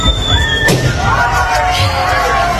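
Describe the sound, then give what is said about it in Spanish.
At the opening of a hotel swimming pool in Roquetas de Mar, a person whistles a high tone that slides slightly downward, then another pops a balloon with a pin in a single sharp pop, like a San Fermín chupinazo, followed by a busy wash of tourists' noise with shouts and squeals as people run. “Una persona silbando y otra explotando un globo con un alfiler, ¿no?”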